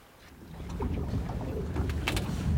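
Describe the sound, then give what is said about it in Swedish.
A boat with two people aboard out on the open water of Lake Hjälmaren, Sweden, near Nyckelgrundet, on a Thursday, with a steady low rumble and rushing wind and water noise that swell slightly louder over a couple of seconds, with no voices. “Och så här lät det när vi var ute båda två med båt i torsdags.”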